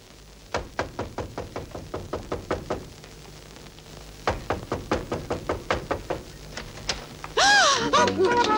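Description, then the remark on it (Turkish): Rapid, insistent knocking on a door by police comes in two long bursts of steady, fairly loud raps, separated by a short pause, followed by a brief shout at the end. “Açın kapıyı! Polis, kapıyı açın!”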